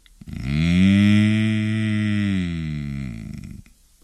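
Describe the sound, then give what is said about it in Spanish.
A yawning bull gives one long, deep moo, drawn out for about three seconds and fairly loud, then trailing off into quiet; no one speaks. “Y también los toros.”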